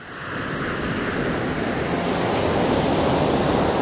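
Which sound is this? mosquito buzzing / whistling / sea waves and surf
sea waves and surf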